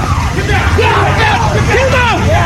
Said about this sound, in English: There you saw what happened. The crowd calling to the president as he emerged from the Washington Hilton Hotel.